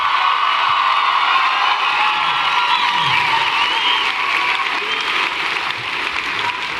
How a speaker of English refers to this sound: Give a big round of applause to my band up here